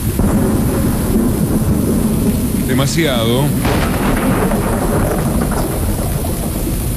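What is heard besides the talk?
heavy rain with thunder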